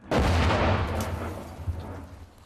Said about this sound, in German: 10 Schüsse, mehr sollte er nicht abfeuern können. 3, 4, 5, 6, 7. Das waren schon 8. Ich sagte doch, er ist schon fast am Limit.